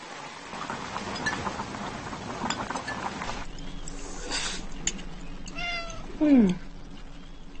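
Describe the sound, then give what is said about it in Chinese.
A cat meows near the end, first a softer call and then a loud, downward-sliding meow, over a quiet indoor background with faint rustling. “嗯，这猫是谁养的？”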